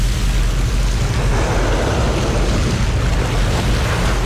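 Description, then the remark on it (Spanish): Steady, loud churning water with a deep rumbling low end and dense bubbling texture throughout, amid the songs and bubbles of at least 10 males crowding around a mother and her calf, until the calf is separated from its mother. “En medio del caos de cantos y burbujas, repentinamente el pequeño queda separado de su madre.”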